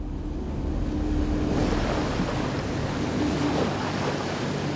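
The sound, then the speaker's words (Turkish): Ocean waves wash against rocky terrain in a steady, continuous roar, a broad hiss that swells slightly midway without clear breaks between surges, with a faint low wind rumble beneath and no voices. “Kayalık bir arazi görebiliyorum. Kayalar ve okyanus genellikle bir tür kabuklu deniz hayvanı anlamına gelir.”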